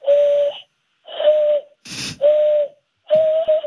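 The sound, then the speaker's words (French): Four breathy, hollow whistles blown through cupped hands the way American Indians did to communicate, each a steady owl-like hoot about half a second long, fairly loud, with a short noisy breath burst between the second and third. “Inutile dont je suis fier, c'est je sais siffler comme les Indiens. Je peux vous montrer.”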